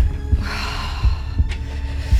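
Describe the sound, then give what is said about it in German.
A steady heartbeat sound effect throbs low and heavy, thumping about every second in paired beats over a faint droning hum, with no voices. “Puls, wirklich.”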